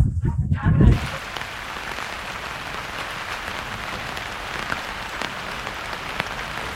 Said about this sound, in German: Heute regnet es und dieses Wetter scheint nicht allen Leuten so gut zu bekommen,